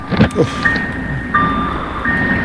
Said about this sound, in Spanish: ¿Sabe qué se olvidaron ahora? Un carro. Alguien dejó el carro. Y ¿qué será? El señor irá, dejó el carro estacionado y toda la noche se pasó con la alarma el carro.